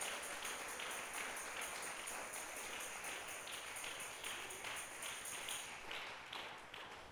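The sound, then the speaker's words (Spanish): A church audience applauds the Lord together in sustained, dense clapping for several seconds, with faint voices mixed in, before the applause starts to taper off at the end. “Démosle un aplauso al Señor, aleluya.”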